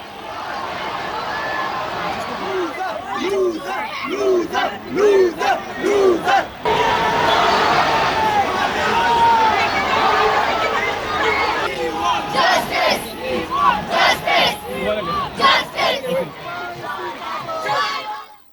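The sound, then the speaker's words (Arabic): More than 10,000 protesters of the youth 'Cockroach' movement, gathered in the centre of the capital, shout and chant together, vowing to continue their movement; loud rhythmic bursts of many voices rising and falling throughout, with dense overlapping yelling and no single voice standing out. “وذكرت وسائل الإعلام أن أكثر من 10,000 محتج من حركة الصراصير الشبابية احتشدوا وسط العاصمة وتعهدوا بمواصلة حراكهم حتى استقالة وزير التعليم”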